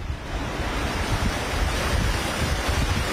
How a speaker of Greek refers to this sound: ναι, θα σταματήσω για λίγο να μιλάω, να ακούσετε την ορμή του νερού.